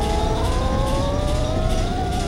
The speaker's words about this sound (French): Le Titanic avance. Dans la salle des machines, les moteurs fonctionnent à plein régime. Ça rugit comme un animal sauvage.